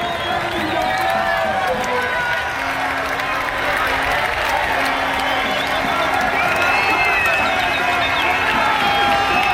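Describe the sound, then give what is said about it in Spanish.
A home crowd in Don Benito roars and cheers a goal by Pedro Porro in a dense, sustained wall of noise, with excited shouting, clapping and a repeated low horn-like tone running through it. “Así ha sonado el láser, el gol de Pedro Porro Eterno en su casa en Don Benito.”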